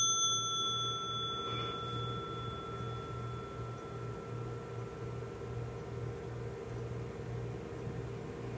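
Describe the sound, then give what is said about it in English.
A single mindfulness bell struck once, its clear tones ringing out and slowly fading over several seconds, heard alone against a low steady hum with no voices. “I don't know about you all, but just hearing the bell is like an instant calming sort of experience.”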